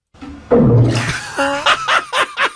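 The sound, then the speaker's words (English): A bubble burbles up through bathtub water: a low, rumbling gurgle followed by a quick run of wet, hollow pops that wobble in pitch, fairly loud, with no talking. “That's like sitting in the bathtub. Well, it's in the bathtub.”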